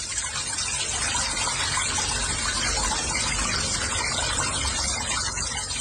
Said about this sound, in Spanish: ¿En sus casas también sale el agua así? Este es el agua que está saliendo aquí en Guadalajara. ¿Así sale el agua en sus casas?